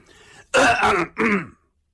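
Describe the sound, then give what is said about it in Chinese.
A voice gives two deliberate, forced throat-clearing coughs, faked on purpose at the door of a two-room thatched hut where a lamp is lit. The coughs are loud. The first is longer, and a brief pause separates it from the shorter second. A faint low murmur comes just before. “这龙震天假装的咳嗽两声。”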